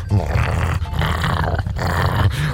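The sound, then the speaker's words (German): A German shepherd dog growls low and steadily for a few seconds, a deep rumbling snarl that swells in short surges with brief breaks, loud and alone with no talking. “Ja, aber ein Schäferhund?”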